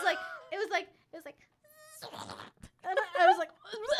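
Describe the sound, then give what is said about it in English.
A voice imitates the buzz a mosquito made when it flew into the speaker's mouth and was swallowed: a steady, thin droning tone followed by a raspy, sputtering burst, surrounded by animated vocal noises. “And I was, like, yelling to someone, and then a mosquito flew into my mouth, and I swallowed it.”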